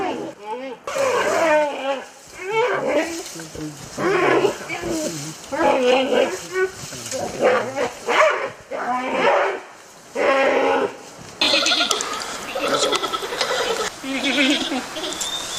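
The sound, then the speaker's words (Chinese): Giant pandas fight in fierce close combat for mating rights with a female, grappling, biting and wrestling, trading loud, harsh bleats, barking yelps and rough growling roars in rapid overlapping bursts that continue almost without pause, with scuffling noise between the calls. “比武结束，胜利者赢得了雌性大熊猫的青睐。最强壮的大熊猫更容易获得交配权。”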